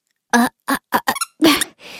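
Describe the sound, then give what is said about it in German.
A squeaky toy lets out a quick series of loud squeaks during a radio broadcast, about six shrill bursts in an uneven rhythm, ending with a softer, breathy wheeze. No one speaks. “Oh Mann, was quietscht denn hier so”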